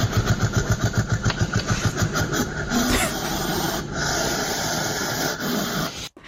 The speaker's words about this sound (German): Das klingt ein bisschen gruselig, ne? A, ein Luchs, B, eine Maus oder C, ein Igel. Welches Tier kann so klingen? Da würde ich sagen B. Eine Maus? Bist du sicher, dass eine Maus so fauchen kann? Nee, da würde ich C sagen. Ein Igel? Das ist korrekt.